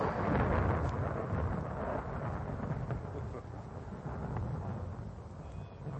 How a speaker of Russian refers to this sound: На дворе гроза собирается.